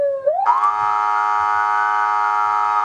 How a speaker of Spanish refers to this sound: Ahora sí, esas sirenas que sonaban en Ceuta en mayo de 2021 con esa primera invasión en la que entraron entre 10.000 y 12.000 ilegales a las playas de Ceuta